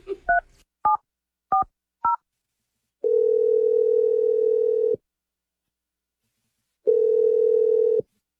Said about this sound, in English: I'm just going to call him, and we'll see if he first answers the phone and then see if he has anything to say. Okay, you ready? Yeah. All righty, here we go.